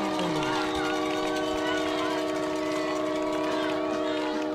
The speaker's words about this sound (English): The train whistle blowing once again right here at Bob Evans Stadium.